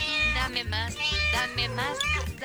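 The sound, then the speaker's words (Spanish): A cat meows over and over in quick succession, several loud, drawn-out cries with rising and falling pitch, while a steady low rhythmic thumping runs underneath, at a university where scientists are trying to adapt an anti-barking device to cats. “Mientras tanto, en la universidad muy prestigiosa de un lugar muy prestigioso, los científicos de Kennel intentan adaptar el desladrador a los gatos.”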